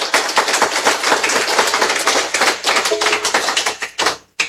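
An audience applauds, many hands clapping in a dense, steady patter for about four seconds before it quickly dies away. No voices are heard over the clapping.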